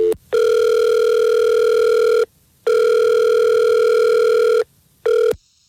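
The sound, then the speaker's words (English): A telephone ringback tone on the line while placing a call, steady electronic buzzing tones repeating in two long bursts with short gaps, then a brief third burst cut off, loud with no talking. “Well, let's call Adam now.”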